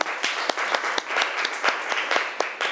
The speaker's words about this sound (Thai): ขอเสียงปรบมือให้ตัวแทนจากกลุ่มที่3ค่ะ